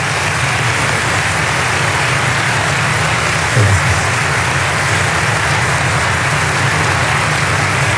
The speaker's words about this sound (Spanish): Y por eso quiero pedirle a todos un gran aplauso para las distintas instituciones que dirigen nuestra nación.